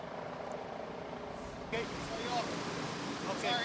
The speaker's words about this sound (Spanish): Bueno, lo que se puede ver y lo que se escucha son cañones de agua que han estado utilizando los bomberos desde la noche de ayer. Al parecer, una estrategia que está funcionando para combatir este incendio.